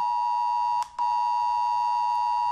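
A shrill, steady mobile phone emergency alert tone sounds loudly with strong harmonics, briefly cutting out for a moment near the start before resuming continuously, the kind of alert tested on Germany's nationwide warning day. No one speaks.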